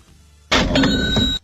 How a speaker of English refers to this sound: Can you hit the cash register on that one?